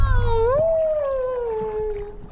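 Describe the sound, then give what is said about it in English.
A long underwater whale call in the Alaskan ocean rises, then slowly falls in a drawn-out tonal moan with rich overtones, heard through a hydrophone over a steady low rumble. No one speaks. “We would turn the boats off and drop a hydrophone in the water and sit out in the sort of the pristine Alaskan ocean in perfect quiet, sit with my toes in the water and my eyes closed, and we would listen to the whales.”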